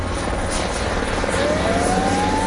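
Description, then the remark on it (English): A helicopter roars overhead while dropping water on a wildfire in the Andalusia region, its rotor beating out a steady, loud chop over a dense engine rumble, with a thin whine slowly rising in pitch. “Helicopters and planes have been dropping water on the blaze as firefighters try to bring it under control with the help of the military.”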